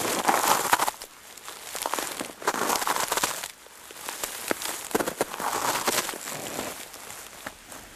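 Crisp crunching of footsteps breaking through crusted snow over a layer of dry dead leaves, a dense crackling texture that swells in uneven surges as the walker moves along, with no voices.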